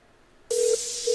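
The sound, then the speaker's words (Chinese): Two short electronic phone keypad beeps, as a number is dialed to make a phone call, sound over a steady background hiss after a moment of near silence. The second tone is cut off at the end, and no one speaks. “等我啊，等我打个电话啊。”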